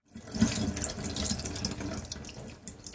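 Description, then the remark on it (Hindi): Running tap water splashes steadily into a sink, with irregular wet slaps and gurgles as a gutted fish is washed inside and out by hand under the stream. No one speaks. “फिर हाथ से मछली की अंतड़ियां निकालकर मछली को अंदर और बाहर से अच्छी तरह धो लीजिए, ताकि खून के थक्के और बची हुई अंतड़ियां ठीक से निकल जाएं।”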